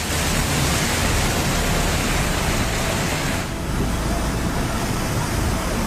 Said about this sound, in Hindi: बारिश जम्मू कश्मीर और लद्दाख में कैसी आफत लेकर आई है उसे इन तस्वीरों को देखकर ही समझा जा सकता है। हाहाकार करता हुआ सैलाब तेजी से आगे बढ़ रहा है। लहरों का शोर इतना ज्यादा है जो खौफ पैदा कर रहा है।